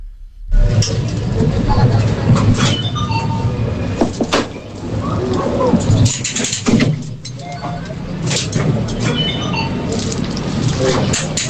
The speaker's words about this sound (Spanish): Vale, ¿qué crees que es? Muy difícil, no tengo ni idea. Yo diría que es una atracción. Una atracción en una feria. Es algo así, sí, es una atracción. En una feria, en un parque de atracciones